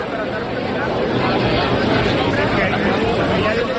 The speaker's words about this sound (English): Instead, you're hearing the sound of people milling around. I can see pictures of people in green Mexico jerseys, checking their phones, carrying drinks,